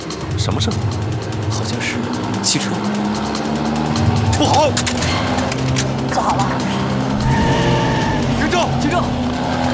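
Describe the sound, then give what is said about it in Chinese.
A car engine roars, revving steadily, while tires squeal sharply a couple of times as it skids; indistinct voices come through under the engine noise. “好像是汽车。”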